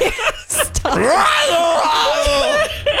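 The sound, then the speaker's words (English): A woman lets out a loud, drawn-out scream right up close to the microphone, her voice sliding and wavering in pitch for a couple of seconds after a few short, sharp vocal bursts. “this is two times in a row you screamed into the mic.”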